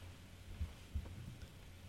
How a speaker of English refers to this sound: I love how he left his white noise going for all of us to hear.